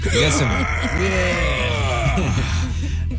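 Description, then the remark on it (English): A voice imitates a gym weightlifter's strained groaning, a sustained, effortful moan with wavering pitch that rises and falls over about three seconds, fairly loud and continuous. “They say that they are plagued by the sounds of heavy weights dropping, metal equipment clanging, and weightlifters groaning, yelling, and struggling.”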